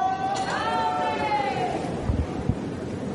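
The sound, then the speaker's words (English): A tennis crowd on an adjacent court, watching a women's doubles match featuring Diana Schneider, erupts in an excited roar, a rising and falling swell of voices over steady broad hubbub, with a couple of brief thumps near the end. “If you're curious where that explosive sound of the crowd getting excited adjacent on court John Harris, we can tell you that it is because of the doubles match on the women's side that features Diana Schneider”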